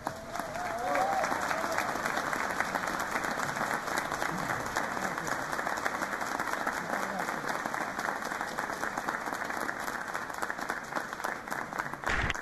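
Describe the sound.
A large audience applauds steadily for about twelve seconds, a dense, even wash of clapping that stays loud throughout, with a brief voice or whistle at the start. The applause is for the choir Las Voces de Calamuchita after a Misa Criolla performance.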